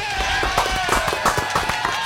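A round of applause: dense, irregular clapping from a group at a fairly steady loudness, with a faint sustained tone underneath and no one speaking.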